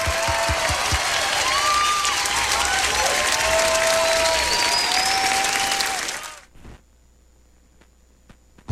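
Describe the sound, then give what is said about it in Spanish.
A burst of loud crowd applause with some cheering and whistles, dense and sustained for about six seconds before abruptly cutting off into near silence. “El aplauso para mis vástagos.”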